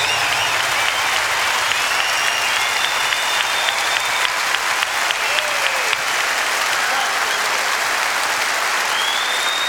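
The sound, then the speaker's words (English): Sustained audience applause for a musician fills the whole stretch, a dense, steady wash of many hands clapping with scattered sharper claps and a few faint whistles rising over it. “But I'd like you also to give another big round of applause to …, because this is what it's all about.”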